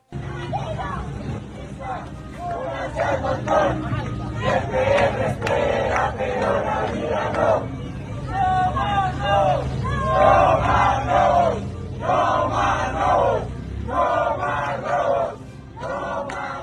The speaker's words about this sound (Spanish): Los ciclistas emprendieron una marcha tortuga como forma de protesta mientras gritaban consignas como esta. Escuchemos.